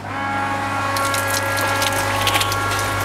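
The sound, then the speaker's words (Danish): A gardener switches a garden watering machine on again at Liliendal Plantecenter in Rønne. Its motor runs with a steady, low mechanical drone and humming overtones, then a rushing, hissing spray joins in about a second later and continues to the end. “Nu skal jeg ikke forstyrre dig mere, du skal videre med din vanding, så du tænder maskinen en gang til.”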